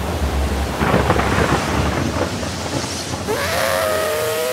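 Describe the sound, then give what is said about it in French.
Heavy, steady rain pours down in a dense, continuous wash, with deep rumbling thunder underneath. Near the end a high, wavering whistle-like tone rises above the downpour. No one speaks. “La pluie est sans fin.”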